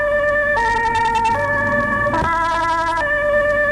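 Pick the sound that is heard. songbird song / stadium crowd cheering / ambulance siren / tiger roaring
ambulance siren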